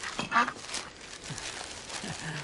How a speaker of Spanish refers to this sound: ¡Oh, qué aterrizaje! Pero esta vez es un pato. ¡Es un pato, es un pato, es un pato, es un pato, es un pato! Con un mensaje en la botella.